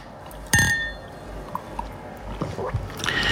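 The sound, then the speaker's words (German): A single bright clink of glasses touching in a toast, its clear ringing tone fading over about a second, followed by soft rustling and small handling noises. “Ja, also dann, Anfang September. Prost. Prost.”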